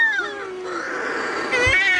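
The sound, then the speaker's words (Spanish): Shearwaters calling at night in a colony, in total darkness before dawn after the moon has set, as they come in to their nests: overlapping, cat-like wailing cries with rising and falling pitch, loud and continuous for two seconds, a harsher quavering call joining near the end. “Cuando se pone la luna, en la oscuridad total, cuando no hay luz, para que las gaviotas no encuentren los nidos, es cuando entran las pardelas.”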